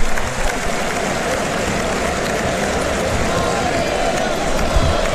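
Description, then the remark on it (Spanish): A large bullring crowd on its feet cheers and applauds a bullfighter in a steady, dense roar of clapping and shouting that stays loud and unbroken throughout, with indistinct voices mixed into the noise. “¡Y la plaza en pie! ¡La plaza en pie!”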